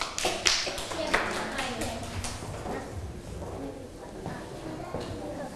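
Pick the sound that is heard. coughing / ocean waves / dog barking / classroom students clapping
classroom students clapping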